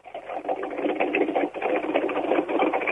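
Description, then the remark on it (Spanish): A Mustang race car engine, Helio Craparo's Turismo Carretera car from the Moriarty team, runs in the pits at Rafaela with a dense, rapid mechanical chatter, holding a steady, loud drone that dips briefly halfway through before picking back up. No one speaks. “Un motor en marcha, el Helio Craparo, el Mustang levantado en el equipo de Moriarty.”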